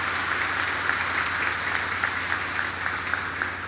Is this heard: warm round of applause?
yes